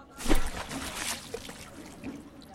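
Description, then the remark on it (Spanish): A metal trumpet is thrown into the Guadalquivir river as an offering, plunging into the water with a sharp splash, followed by a couple of seconds of gurgling, trickling water settling. No one speaks. “Lo suspendió sobre las aguas del Guadalquivir y, como ofrenda por todo lo recibido de aquel caudal de cante, pasión y cultura, lo arrojó al río.”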